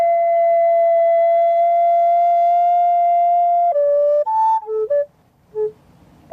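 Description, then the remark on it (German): A female flautist plays ethereal tones on a recorder on a green meadow in Landsweiler Rieden in summer: one long, steady, pure note held for several seconds, then a handful of short notes stepping up and down in pitch before fading out. No voices. “Die Flötistin Barbara Neumeier spielt sphärische Klänge.”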